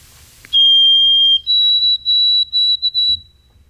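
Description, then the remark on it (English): A white-throated sparrow, moving through the area, sings clear, pure whistles: one long steady note, then a slightly higher note broken into several shorter repeated pulses, over a faint low rumble with no talking. “Yeah, so that's our Wild Bird of the Week, White-Throated Sparrow, moving through now.”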